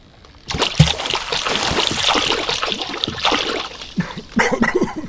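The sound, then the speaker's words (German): Water trickles and gurgles as it drains away, a steady splashy rush that starts abruptly and runs on, with a few louder sloshing surges near the end. “Vermerken Sie im Logbuch, der Klabautermann hat mir das Wasser entzogen.”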